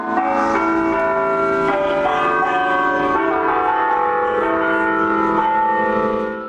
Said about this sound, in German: Über 80 Glocken hat der Antoni Gaudí geplant. Ihr Glockenspiel sollte mit dem Wind über die ganze Stadt wehen.